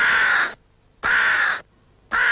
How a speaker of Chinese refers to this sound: 老爷出门碰见乌鸦叫，可不是好兆头啊。